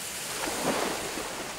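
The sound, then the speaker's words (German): A bear splashes into pool water, making a steady rushing wash that swells briefly in the middle, moderately loud, with no voices. “Oh, da kommt sie gleich ins Wasser.”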